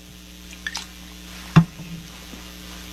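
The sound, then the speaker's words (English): Someone swallows four pills with a sip of Trader Joe's sparkling water: a small wet click, then a single louder gulp over a steady low hum, with no talking. “That easy to swallow. And all I need is a little bit of Trader Joe's sparkling water.”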